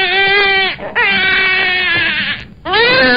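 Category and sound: human body sound, infant crying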